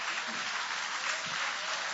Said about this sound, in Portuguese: Guarda a Bíblia com carinho e aplaude a Deus com alegria.